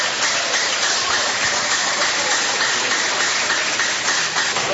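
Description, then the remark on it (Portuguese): A church audience claps strongly together to glorify God during a service, in a dense, steady wash of applause that stays loud and even for about five seconds, with no voices standing out above it. “Podeis assentar, assentando palmas que glorifica a Deus bem forte.”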